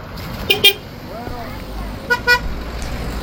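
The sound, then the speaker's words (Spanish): Two pairs of short car horn toots sound in the morning on the La Culata mountain road in Tejeda, reopened to traffic after repair works, each a quick double beep, clear over a steady backdrop of engine and road noise. “Y este era el sonido esta mañana de la carretera de la culata en Tejeda.”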